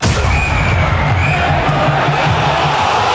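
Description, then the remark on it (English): A huge stadium crowd roars and cheers continuously at an AFL match between Fremantle and West Coast in Perth, a dense, loud wall of voices with no breaks. “In the AFL, Fremantle have demolished West Coast in front of a huge crowd in Perth.”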